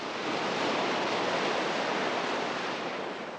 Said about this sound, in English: As waves lap the shoreline under a cloudy sky, Jack appears, gun in hand, about 100 yards behind Eric.